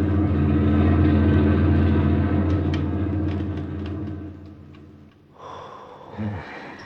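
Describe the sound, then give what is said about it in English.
A heavy German army lorry rumbles past on a highway, its deep engine drone loud at first and then gradually fading away, with no voices heard. “German army lorry rumbled by while we squatted behind the hedgerow and held our breath.”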